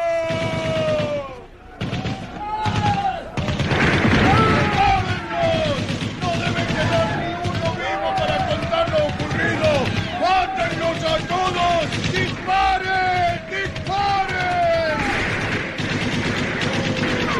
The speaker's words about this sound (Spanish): El bestial y gigantesco Jato hace acribillar a tiros a los hombres que tratan de escapar en las lanchas de remos.